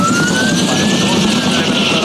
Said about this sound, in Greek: Σε χάνουμε, Κώστα, γιατί πέρασε πολύ χαμηλά το ελικόπτερο για να κάνει την ρήψη